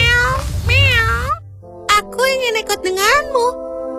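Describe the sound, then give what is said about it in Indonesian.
A cat meows several times, with rising and falling wavering cries, loud, the first long call over a low background rumble followed by a quick series of shorter meows. “Aku akan membeli kucing ini darimu.”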